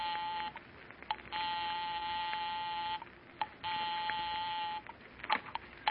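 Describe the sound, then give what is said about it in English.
A house telephone being dialed to ring 9B: a few quick electronic tones and clicks, then two long, steady buzzing rings on the line, fairly clear, with no talking. “I'll give 9B a ring first on the house phone.”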